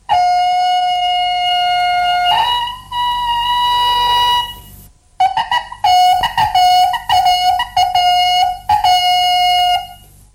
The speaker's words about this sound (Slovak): Okrem toho mali aj malý rožok z kravského rohu a husieho brka, na ktorom pískali určité signály.